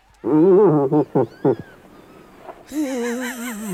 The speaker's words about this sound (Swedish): Nej, det är en irriterad älgko.